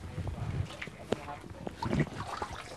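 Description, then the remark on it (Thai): A sport chicken, being made to swim by an old man as part of its bath, flaps its wings and legs and splashes in water, making irregular bursts of rustling and sloshing, with a faint voice murmuring in the background. “คุณลุงครับนี่ครับคือเป็นการว่ายน้ำนะครับผมไก่ก็จะตีปีกตีขาเดี๋ยวคอยให้นิ่งนิดนึงแล้วเราเดินเข้าไปดูกันนะครับผม”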